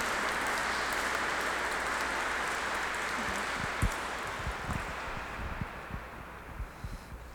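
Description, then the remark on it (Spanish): A church audience applauds together for a child being presented by his parents, a steady, dense wash of clapping that holds for several seconds before thinning slightly toward the end, with a few louder thumps near the close. “Le damos un aplauso a este niño que hoy sus padres presentan.”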